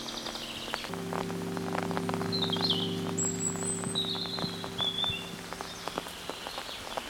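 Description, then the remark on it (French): Scattered bird chirps and whistles ring out over the soft patter of fine, light rain as a thunderstorm cell begins to form, with a low steady hum underneath; the birds are intermittent. “Et les oiseaux, pour l'instant, accompagnent notre balade sonore.”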